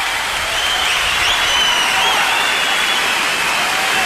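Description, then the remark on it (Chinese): A large crowd of spectators roars and clamors continuously as two red signal flares are fired, a dense, loud wash of many voices and cheering that holds steady throughout, with a few faint whistles rising above it. “两发红色的信号弹打起来，观众们一片喧哗。”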